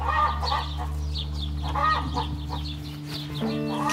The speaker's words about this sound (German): Aber wie laut darf ein Hahn denn krähen? Er hat gesagt, es gibt einen Mittelwert von einem Hahn, was zu krähen hat, oder eine Lautstärke, die anliegt.